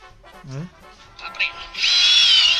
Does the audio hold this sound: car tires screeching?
no